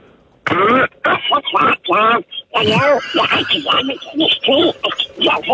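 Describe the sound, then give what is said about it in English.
A man, a hitchhiker in Australia dressed as Donald Duck, does a garbled, squawky Donald Duck voice in rapid bursts of nasal, warbling syllables, loud and continuous with brief pauses between phrases. “We would love to talk to the hitchhiker that is dressed as Donald Duck.”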